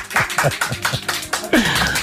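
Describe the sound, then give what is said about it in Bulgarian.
A small group of colleagues claps for a young man who has just strung together a set of sentences, in a quick, steady rhythm, about four sharp claps per second, at moderate volume. A brief vocal sound rises among the claps partway through. “Колеги, моля ви за вашите аплодисменти.”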